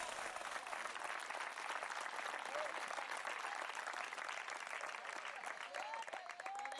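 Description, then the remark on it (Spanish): Sustained applause for the Lord from a crowd praising God, a dense, steady clatter of many hands clapping for about seven seconds, with faint cheering voices rising through it. “Al Señor ese aplauso, déselo fuerte, hombre.”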